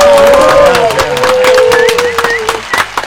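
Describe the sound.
A crowd applauds steadily, dense clapping running throughout, with cheering voices and a long sustained whistle-like tone over the noise.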